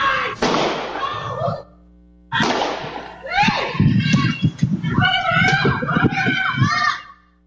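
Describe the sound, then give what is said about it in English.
Two sharp, loud gunshot bangs a couple of seconds apart, each with a brief ringing tail, followed by children's high-pitched voices calling out over a low background rumble. The gunshots were recorded by a doorbell camera during a shooting in Erie, Pennsylvania. “Some of those gunshots captured on a doorbell camera.”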